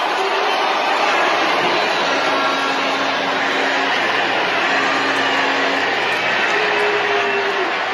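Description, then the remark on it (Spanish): A large crowd boos a state governor at an event with President Sheinbaum, who asks the crowd to stop. The booing is steady for the whole stretch, a dense, unbroken roar with drawn-out low vocal tones rising over it now and then, loud and constant throughout. “Ahí la están abucheando. La están abucheando. Es un abucheo grande, Sí.”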